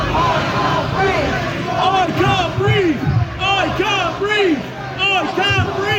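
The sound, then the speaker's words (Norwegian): On a Tuesday evening in Southampton, a large, angry crowd protesting a police arrest shouts in unison "I can't breathe", many voices rising and falling together in a repeated chant, loud, with constant crowd noise underneath. “En illsint folkemasse roper taktfast.”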